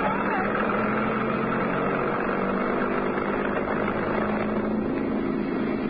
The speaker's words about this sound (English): That truck didn't care much whether it ran us down or not. Back of it was open, and...